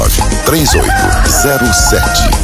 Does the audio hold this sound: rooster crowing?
yes